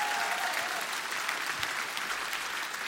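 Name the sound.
audience applause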